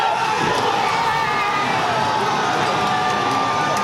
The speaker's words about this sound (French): Vous l'entendez, explosion de joie pour ce but d'Ousmane Dembélé. Dans ce bar, il y a des dizaines de supporters, certains maillots sur les épaules,